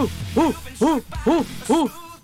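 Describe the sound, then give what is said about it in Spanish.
A voice imitates an orangutan call with four loud, rising-and-falling hoots in a steady rhythm, each about half a second apart, clear with no other talk. “El orangután hace.”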